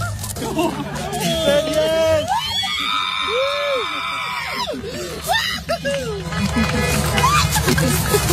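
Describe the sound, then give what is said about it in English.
A crowd at a drive-in cheers and screams excitedly after a marriage proposal while car horns honk, with one long, steady blare sounding over the commotion midway through and shorter honks around it. “You can hear the cheers and the honking horns from everybody else at the drive-in.”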